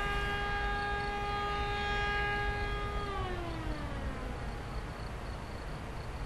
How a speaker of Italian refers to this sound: La sirena a me fa molto piacere sentirla. E la sento bene, soprattutto quando il vento parte dalla cartiera e va su a Bevorchians. Ecco, come adesso, per esempio.